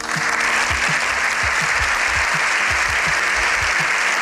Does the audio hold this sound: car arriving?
no